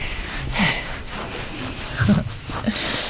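A pig gives a few short, low snorts and grunts at uneven intervals while its belly is being stroked, with soft rustling and breathy noise in between.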